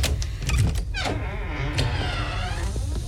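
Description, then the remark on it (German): A door is carefully eased open slowly, a few soft latch clicks followed by a long, wavering creak that rises and falls in pitch over a steady low rumble. “Ich mach mir vorsichtig die Tür auf.”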